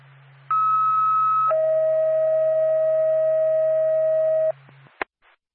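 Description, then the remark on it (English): A loud two-tone dispatch alert for Whitefield Ambulance: a short higher steady tone, then a longer lower tone held for about three seconds, over a low electrical hum, ending with a sharp click. “Stand by for a tone.”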